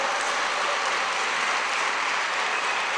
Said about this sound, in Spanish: Ahora sí, hermano, dese un aplauso.